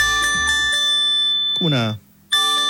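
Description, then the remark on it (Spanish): An electronic SAE earthquake alert test tone, played as a demonstration, rings out in loud, bell-like chimes with sustained tones, a few quick strikes, then a brief silence before the chiming resumes. A voice briefly speaks over it. “Como unas campanas. Sí. Ya, ese es. Es un test.”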